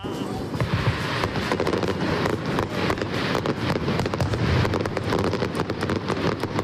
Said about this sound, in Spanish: Fue la traca final de unos fuegos artificiales que llegaron desde Uruguay por primera vez. Unos fuegos de Uruguay en Bilbao